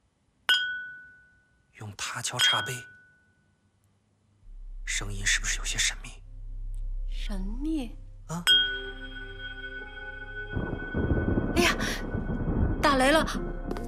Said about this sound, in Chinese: 用它敲茶杯，声音是不是有些神秘？